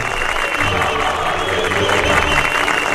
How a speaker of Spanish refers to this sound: Aplausos, ¿eh?